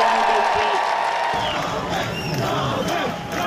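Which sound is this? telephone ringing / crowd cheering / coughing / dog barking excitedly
crowd cheering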